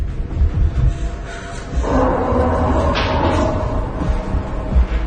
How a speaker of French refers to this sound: Faut pousser la table contre la porte! Quoi? Allez, allez, vas-y!